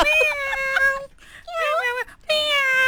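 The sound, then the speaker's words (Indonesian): A pet cat meows in three drawn-out, wavering cries separated by short pauses, fairly loud and clear with no other sounds around them, while its owner talks to it. “Awak nak tengah bercakap dengan kucing awak tu?”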